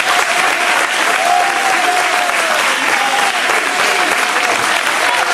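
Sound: applause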